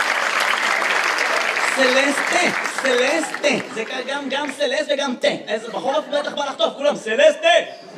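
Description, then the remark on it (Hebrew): An audience claps steadily for the correct answer, "Celeste", a dense wash of applause that is loudest at the start, then thins as voices and a bit of chuckling rise over it. “איפה כפיים לסלסטה, גבירותיי ורבותיי?”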